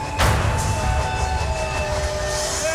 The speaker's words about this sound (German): Endstation! Alles aussteigen! Der Zug endet hier! Alles aussteigen! Das ist hier die Endstation!